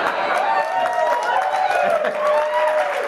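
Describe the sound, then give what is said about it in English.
An audience claps steadily for a few seconds, the applause mixed with a murmur of crowd voices and scattered hoots filling the room. “I hope you're not clapping.”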